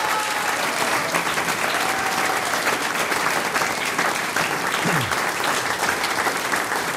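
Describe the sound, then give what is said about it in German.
Sustained audience applause, a dense, steady roar of many hands clapping at an even loudness for several seconds, with a faint brief whistle-like tone partway through. “Noch einmal einen Applaus für die Lisa Jordan.”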